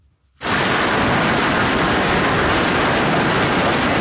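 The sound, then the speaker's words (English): A sudden, loud roar of heavy rain and hail pounding down in blinding sheets during a severe storm in Minnesota, starting abruptly after a brief silence and continuing as a dense, steady hiss with no voices. “Earlier today, blinding sheets of rain and hail hit parts of Minnesota.”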